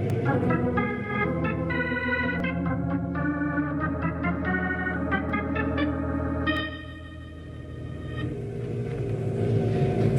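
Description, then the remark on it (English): A deep, steady engine rumble of two prison trucks bringing convicts rolling in, loud and continuous, with a brief dip in the middle before the droning swells back up. No one speaks. “Hey, here come two prison trucks right now.”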